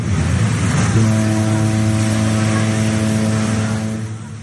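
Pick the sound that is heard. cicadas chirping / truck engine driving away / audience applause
truck engine driving away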